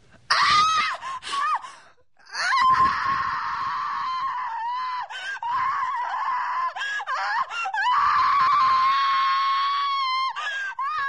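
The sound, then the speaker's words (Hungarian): A woman screams in pain in a monastery, loud, in long piercing wails broken by brief gasps and one short pause, the anguished cries stretching on for several seconds with no talking. “A sikítás bejárja a falut, pedig a falu nagyon messze fekszik a kolostortól.”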